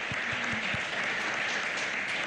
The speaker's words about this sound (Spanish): Damos un fuerte aplauso a Radio María, que ha transmitido esta Santa Misa.